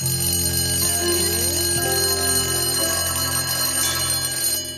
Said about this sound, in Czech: Prosil bych zvonek, protože opět končí vyučování.